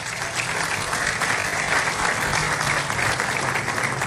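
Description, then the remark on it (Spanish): A crowd at a Dominican tourism event at the Alcázar de Colón applauds the Distrito Nacional councillors as they stand, dense clapping filling the whole stretch at a fairly constant, moderately loud level with no talking over it. “a los regidores que están aquí del Distrito Nacional, que por favor se pongan de pie, un aplauso para ellos.”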